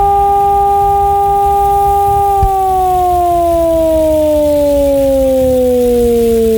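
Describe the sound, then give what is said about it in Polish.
A loud civil defense siren wails alone during a training exercise in Bolesławiec: a steady harmonic tone holds for a couple of seconds, then slowly slides downward in pitch, part of the modulated alarm signal announcing an alert, which lasts three minutes. “Ogłoszenie alarmu to modulowany dźwięk syreny trwający 3 minuty.”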